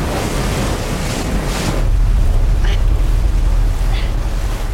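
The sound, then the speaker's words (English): Loud, churning water roars continuously around a cornucopia hub spinning at high speed, a heavy rushing surge with deep low rumble and wind-like hiss, punctuated by a couple of faint, brief higher-pitched squeals. “The cornucopia hub starts to spin at high speed and the tributes cling on desperately to avoid being thrown off into the churning water.”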